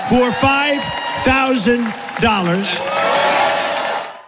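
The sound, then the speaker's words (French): Loud crowd cheering at a Donald Trump rally after his promise of a $5,000 dividend to every adult US citizen: whooping voices rise and fall over a steady roar of clapping and crowd noise that keeps going for about four seconds. “Forcément, la foule exulte.”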